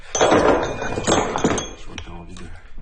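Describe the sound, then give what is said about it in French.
A hammer strikes stone several times at an uneven pace as another hammer is being made, each blow a sharp clink-thud ringing briefly, with faint voices murmuring in the background. “On va faire un autre marteau.”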